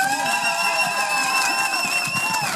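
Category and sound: crowd, audience applause and cheering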